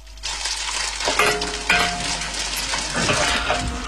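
Glutinous rice grains, already steamed, air-dried and half-cooked, are stir-fried and tossed in a hot wok to bring out their aroma for making oil tea; a steady sizzle broken by scraping and rattling as the spatula turns them, with no voices.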